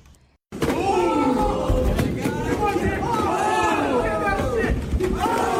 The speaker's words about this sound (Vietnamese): Quý vị đang nghe âm thanh từ màn đấu võ tầm 60 giây giữa hai robot hình người đang thu hút sự chú ý trên mạng xã hội. Đây là trận đấu đầu tiên giữa robot Engine và robot Unity tại San Francisco